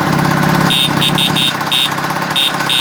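A small moped engine runs steadily, a continuous buzzing idle with a rough low rattle, broken by several short high-pitched whines that come and go in quick bursts.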